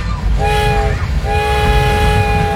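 A train horn sounds in two long blasts, the second held longer, over the steady low rumble of a train rolling close by.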